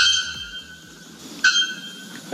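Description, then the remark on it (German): A bare-throated bellbird, the world's loudest bird, calls with loud, metallic, clanging notes, like metal struck on metal. A sustained ringing tone is broken by a sharp accent midway and another brief one at the end. “Heute weckt Sie der lauteste Vogel der Welt, der Nacktkehl-Glockenvogel.”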